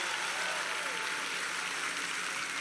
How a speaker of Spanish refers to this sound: Denle un aplauso a los muchachos.